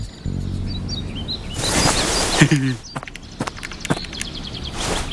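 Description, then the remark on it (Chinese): Short, high chirping tweets, seemingly a person imitating a bird, mixed with footsteps and rustling movement, plus a brief voiced sound midway. “不会是什么稀有的鸟吧？”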